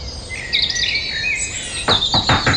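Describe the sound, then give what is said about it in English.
A dawn chorus: several birds sing at once in a layered chorus of high whistles and trills, with bright repeated chirps bursting in toward the end over a soft, steady background hiss. “I'm guessing Dawn Chorus.”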